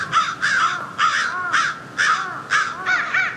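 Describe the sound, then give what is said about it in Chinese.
Several crows caw loudly and urgently after finding a dead crow on the ground, harsh calls repeating in quick bursts about twice a second and overlapping one another, with no talking. “几分钟后，乌鸦发现了地上的尸体，现场顿时混乱起来。”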